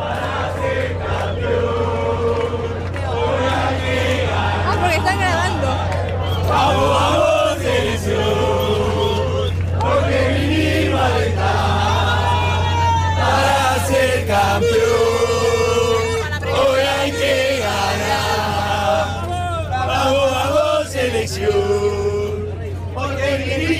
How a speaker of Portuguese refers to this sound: Então, impressionante, né, como a torcida argentina faz barulho, né? A gente vai até mostrar um pouco lá como a torcida argentina já está fazendo barulho horas antes do jogo aqui em Dallas.